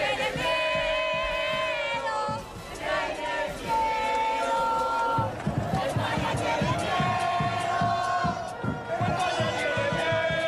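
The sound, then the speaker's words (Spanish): A large crowd of Argentine football fans chants loudly in unison in the Plaza Mayor in Madrid, a sung melody repeated over and over, with rhythmic claps or drum beats driving the pulse beneath the voices. “Vamos a escuchar los cánticos que había ayer aquí en Madrid, en la Plaza Mayor, por parte de la afición argentina.”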